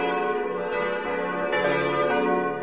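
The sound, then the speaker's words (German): Four church bells of the Catholic church in Vordertal in the Wäggital, canton of Schwyz, ring together in a full, continuous peal, dense overlapping tones with fresh strikes around every second or so, loud and steady with no voices. “Tonaufnahme und Text stammen von …. Weitere Glockengeläute finden Sie auf seinem YouTube-Kanal”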